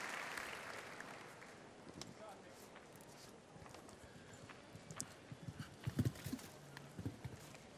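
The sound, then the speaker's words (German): The hooves of Eddie Blue, a 14-year-old horse ridden by Irish rider Dara Kenny, trot across an arena floor in a steady clip-clop rhythm, growing louder and more distinct toward the end, over a hum of crowd ambience and a voice talking. “Sein Pferd ist 14, nämlich Eddie Blue.”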